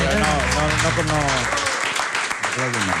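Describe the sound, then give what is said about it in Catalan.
A steady wash of applause for Meg Ryan from a crowd fills the whole stretch, loud and continuous, with voices talking and calling out over the clapping throughout. “Bueno, Meg Ryan, un aplaudiment.”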